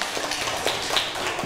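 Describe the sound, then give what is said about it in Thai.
A group of children in a classroom applauding for group 2, a dense, steady patter of many overlapping claps that stays fairly loud and even throughout, with no voices. “ขอตัวแทนกลุ่มที่2ออกมาได้เลยนะคะขอเสียงปรบมือให้กับกลุ่มที่2หน่อยค่ะ”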